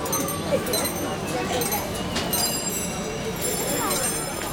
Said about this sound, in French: Tu entends ? Les sonnettes des vélos, des rickshaws, des tuk-tuks. Tu entends ? Les cris des vendeurs ambulants. Ce sont des vendeurs de thé, de glace et de fruits.